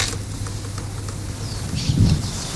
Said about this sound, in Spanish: Intensas lluvias y tormentas afectaron varios puntos del país.